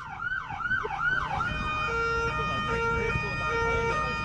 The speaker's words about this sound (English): I'm going to take you out with an ambulance siren. Been teasing you've been it all morning. Talking about a morning, mate. This is thanks to the Wellington Free Ambulance. Here we go. That's not it, by the way. Here's the siren. Kick it off.